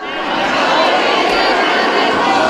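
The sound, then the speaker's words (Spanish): A large audience claps steadily in a dense, continuous wash of applause at the end of a festival proclamation speech (pregón) for the fiestas of Elda, staying loud and even throughout, with a faint murmur of crowd voices mixed in. “El pregón terminó entre aplausos y con un mensaje rotundo, que entren las bandas, que suene y de ella.”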